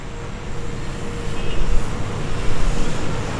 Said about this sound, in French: On vient maintenant d'arriver à Idlib, on est sur la place centrale, il y a pas mal de circulation autour de nous.